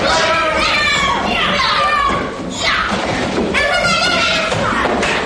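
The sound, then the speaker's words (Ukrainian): Children in a school classroom shouting and calling out together while practicing hand-to-hand combat moves, their high voices loud and overlapping, with scattered thuds and bumps of bodies and feet moving about beneath the din. “І ми опиняємося разом з оператором у шкільному класі, де дітлахи повторюють прийоми рукопашного бою.”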